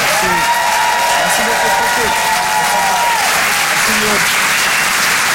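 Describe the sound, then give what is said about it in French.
Loud, sustained applause from an audience for a comedian finishing his set at a Rire et Chanson comedy show, dense clapping with whoops and cheers rising above it, a shouted voice or two breaking through for the full few seconds. “Faites du bruit pour”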